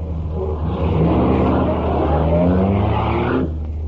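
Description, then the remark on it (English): A powerful souped-up car engine roars up through rising gears, revving hard and accelerating loudly, its pitch climbing steadily before cutting off sharply near the end. “Ain't he kind of old to drive a souped-up buggy like this?”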